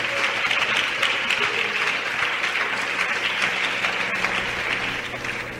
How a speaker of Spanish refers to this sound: Alguien le da aplauso a Dios, hermano.